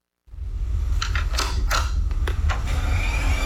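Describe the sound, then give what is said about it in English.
A computer starting up: a steady low hum begins abruptly and holds, while a series of brief whirring, clicking mechanical bursts rises over it before settling into the drone. No one speaks. “The familiar sound of a computer booting up.”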